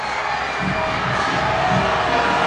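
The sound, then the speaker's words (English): A large stadium crowd boos in a steady, dense roar at a soccer match between the Houston Dash and Angel City after a yellow card, the sustained low jeering rising and falling slightly over a constant wash of noise filling the whole space. “The crowd booing, but Houston just got a brilliant chance.”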